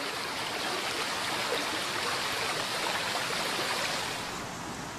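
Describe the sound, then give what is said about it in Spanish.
A steady, dense roar of rushing water, like a waterfall, fills the whole clip at an even loudness with no voices, easing off only slightly near the end. “Abundan las cascadas y saltos de agua que son objeto de aprovechamiento eléctrico e industrial por su poderosa fuerza motriz.”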